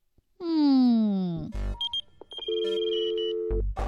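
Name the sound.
old telephone bell ringing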